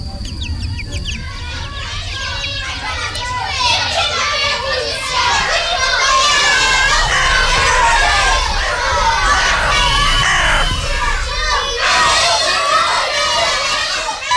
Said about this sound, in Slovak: Spev vtákov i smiech detí narušil toto velebné podhorské ticho.